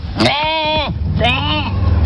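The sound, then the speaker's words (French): Two loud sheep bleats in quick succession, each a wavering, quavering cry with a steady low rumble beneath, from a shepherd's flock in Meurthe-et-Moselle, Lorraine, France. “Les moutons, d'ailleurs, qu'est-ce qu'ils en pensent de la première journée?”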